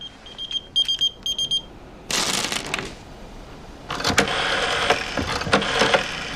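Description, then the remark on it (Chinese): A pager emits a quick series of high, thin electronic beeps in short bursts, followed by rustling, shuffling noise and a rough mechanical rumble like an engine. “哎，谁呼我？”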